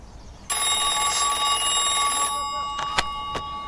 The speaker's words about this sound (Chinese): 稍等一下啊，接个电话。